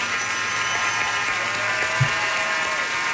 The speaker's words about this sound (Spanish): Aplauso, señor.